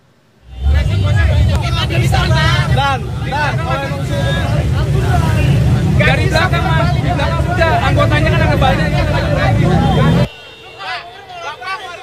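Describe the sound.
Loud, continuous outdoor commotion: motorcyclists shouting and arguing with traffic police, demanding they open a toll road exit gate in front of the DPR complex, Senayan, Central Jakarta, on a Tuesday morning, over a steady rumble of engines, with wind buffeting the microphone, ending abruptly into quieter background chatter.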